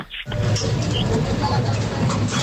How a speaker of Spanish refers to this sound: Ese sería al pasar el vidrio por el código de barras